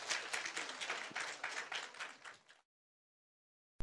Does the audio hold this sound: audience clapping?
yes